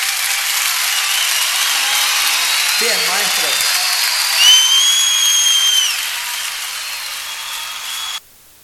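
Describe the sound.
An audience applauds after a man gives thanks for an honour: steady, dense applause carries on for about eight seconds, with a few high whistles cutting through midway. A man briefly speaks over it, and then the clapping stops abruptly.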